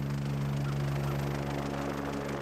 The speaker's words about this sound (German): Ja, für ihn ist es sicher ein bisschen aufregend, er hat ein bisschen Angst vor dem Hubschrauber natürlich, das Geräusch.